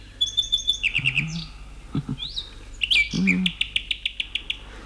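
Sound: nightingale singing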